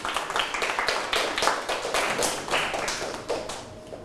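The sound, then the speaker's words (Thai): A group of students in a classroom claps together for a classmate who answered correctly, a quick, uneven patter of many sharp hand slaps, steady and moderately loud for several seconds, with no voices over it. “ถูกต้องปรบมือให้เพื่อน”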